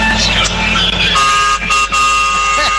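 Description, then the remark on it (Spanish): A trucker sounds a loud, sustained truck horn with steady harmonic tones, joined by a second horn blast partway through, over busy traffic-like background noise. “¡Vamos, esa bocina!”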